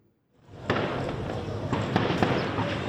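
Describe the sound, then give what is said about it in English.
A volley of gunfire in Port-au-Prince, Haiti, during fighting between rival gangs: several sharp, scattered cracks, some closely spaced, popping over a steady wash of outdoor background noise. “A volley of gunfire rings out in Port-au-Prince.”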